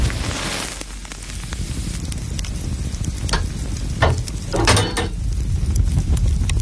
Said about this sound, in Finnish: Sieltä se lämpiää. Lempeä löylyinen saunan kiuas.